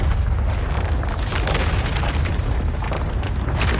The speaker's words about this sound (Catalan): De cop i volta se sent un gran espatec de roques. Un espatec més gran de l'habitual. Pels crits dels treballadors em sembla que n'ha passat alguna de grossa.